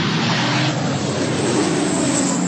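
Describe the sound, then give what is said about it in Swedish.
A firefighting water-bombing aircraft roars overhead while dropping water along a motorway, its loud engine drone steady for a few seconds, filling the air with a dense, continuous rumble and no voices. “På bilder från Reuters ser man människor som har klivit ur sina bilar på en motorväg som står och tittar på när vattenbombningsflyg släpper vatten en bit ifrån dem längs med motorvägen.”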